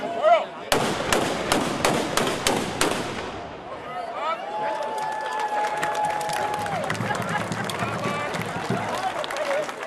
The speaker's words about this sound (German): Mit einem Böllerschießen gab die Schützengilde Zerbst den Startschuss für das Heimat- und Schützenfest 2026.